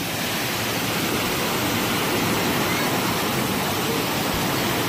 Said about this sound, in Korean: 커피가 이렇게 쏟아집니다, 여러분. 커피 폭포예요. 언제 어디서 뭐가 콸콸콸 쏟아질지 아무도 모르긴 하는데 우선은 워밍업 차원으로 커피가 콸콸콸 이렇게 쏟아집니다.